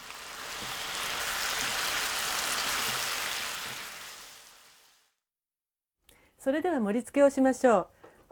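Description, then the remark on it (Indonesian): Sauce simmers and reduces in a frying pan, thickening and turning glossy as it coats the ingredients, with a steady bubbling hiss that fades out after about five seconds. A short silence follows, then a person speaks briefly. “Kuahnya berkurang hingga menghasilkan kuah yang kental dan mengkilat sehingga melapisi bahan-bahannya.”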